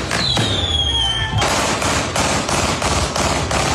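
A whistling, falling tone gives way to a rapid, steady string of loud, sharp gunshots fired into the air at a symbolic wake in Quilicura, in quick succession like a burst of automatic fire, with no one speaking.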